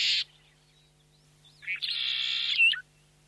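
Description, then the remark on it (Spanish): A short bird call opens, followed after a pause by a longer, buzzy trilling call lasting about a second, clear over a quiet background with a faint low hum; birds in an Andean landscape heard as the wind drops. “Porque cuando el viento baja su intensidad, aparece otro paisaje sonoro, el sonido de las aves, el movimiento de los animales y en determinados sectores el agua.”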